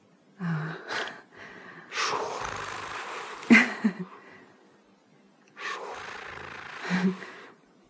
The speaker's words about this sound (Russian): Это не он дышит. Кто? Это я дышу.